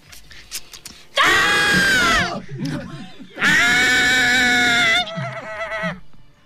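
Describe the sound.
A person imitates a white hare's scream with two long, loud, shrill wailing cries, each lasting over a second, separated by a brief pause with some low vocal noise between and after them.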